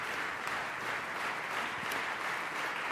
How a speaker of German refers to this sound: Aber trotzdem müssen die Musikerinnen und Musiker mit dem Beifall noch ein ganz klein bisschen warten, denn noch sind die Solisten an der Reihe.